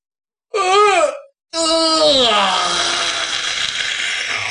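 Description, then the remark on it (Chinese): A man's voice acts out the big yawn of a sleepy character stretching: a short rising-and-falling moan, a brief pause, then a longer, breathy, drawn-out yawning groan that slowly trails off, fairly loud. “赵虎坐在这儿，其实他已经困了，伸了个懒腰，打了个哈欠。”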